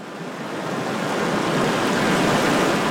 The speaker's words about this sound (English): The Gunnison River flows west from Blue Mesa, running green and slow for miles toward the entrance of a historic tunnel.